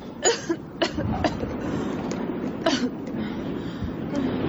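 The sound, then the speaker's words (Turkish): A mother coughs several times in short, irregular bursts over the steady rumble and rattle of a moving train, in weather cold enough to freeze water. “Biraz su iç, öksürüğünü kesermiş.”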